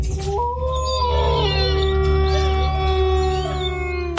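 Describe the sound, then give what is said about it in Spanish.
A long, sustained wolf howl in a station jingle for radio Lobo 97.7 rises and holds steady pitch over a few seconds, layered over a loud, steady low hum with no one speaking. “Lobo 97.7. Poniéndole sabor a tu día desde el primer aullido.”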